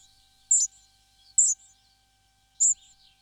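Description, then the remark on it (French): Spotted flycatcher song: three thin, high, squeaky notes, each brief and sharp, spaced unevenly with quiet gaps between them. No voices. “Ici, on entend le gobe-mouche gris.”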